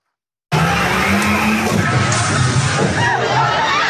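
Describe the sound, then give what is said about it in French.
A police 4x4 engine roars with a steady low drone as the vehicle speeds toward dozens of young people during a high-school student protest in Dunkirk, France, then gives way to a dense crowd din with shrill screams rising as they flee near the end. “Un vrombissement et des cris. Des dizaines de jeunes s'enfuient face à un véhicule lancé à vive allure.”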